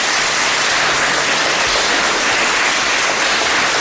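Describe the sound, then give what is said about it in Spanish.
A crowd of visiting schoolchildren claps loudly and steadily for a radio broadcast's listeners, a dense, continuous burst of applause with no voices standing out. “A ver, ese aplauso para que nuestros oyentes os escuchen.”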